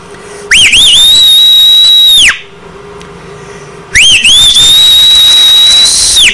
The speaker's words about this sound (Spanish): Échate un chiflado, homie.